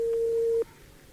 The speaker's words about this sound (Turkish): Telefonumuz çalıyor.